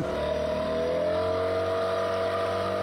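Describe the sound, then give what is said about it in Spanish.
A small motorboat engine drones loudly, a steady humming rumble that holds throughout with a slight rise in pitch, and no voices can be heard. “Vamos a subir en la lanchita.”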